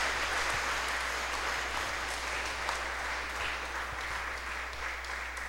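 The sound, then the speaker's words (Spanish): An audience applauds loudly and steadily for the children who made their solemn communion that day, a dense crackle of many clapping hands sustained evenly for several seconds with no voices rising above it. “Vamos a darle un fuerte aplauso a los niños que han hecho la comunión solemne en el día de hoy.”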